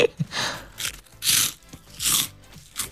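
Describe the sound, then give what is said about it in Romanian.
Sharp, dry crunches of seeds from a bag being bitten and chewed inside a car, about four bursts in a loose rhythm, moderately loud with crackly bright texture and no talking. “Doamne, ce poftă îmi faci când te văd cum crânțăm cu atâta poftă, Doamne!”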